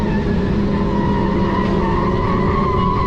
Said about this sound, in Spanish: En una carretera de California, un grupo de motociclistas iban haciendo caravanas, o mejor dicho, iban estorbando el tráfico.